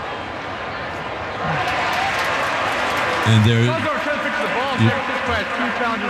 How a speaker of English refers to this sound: you can hear the crowd responding.